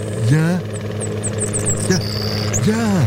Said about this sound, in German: Ja, es ist der erwartete Helikopter und er landet hier in Kleinwümmede, direkt in der Poggenwiese